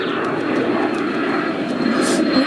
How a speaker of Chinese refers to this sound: 奇怪，这里怎么会有飞机飞过呢？